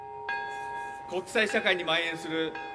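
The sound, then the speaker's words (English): A peace bell at an atomic bombing memorial ceremony is struck once at 11:02 a.m. local time, marking the exact time the bomb exploded; the deep strike hums on with a long, steady resonance while a voice begins speaking over the fading tone. “The crowd observed a minute's silence after a peace bell chimed at 11:02 a.m. local time.”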